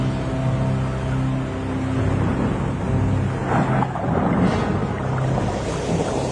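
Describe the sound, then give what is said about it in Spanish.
Stormy wind and waves rush steadily throughout, a dense roar layered over a low, droning rumble, with a brief surge of spray midway and no voices. “Inmediatamente se calmaron el viento y las olas.”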